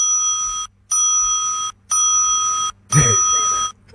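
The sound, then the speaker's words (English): A bright bell rings four times in an even, steady rhythm, each sustained ring cut off by a short silence; a brief burst of voice overlaps the fourth ring. “4 bells. There you go.”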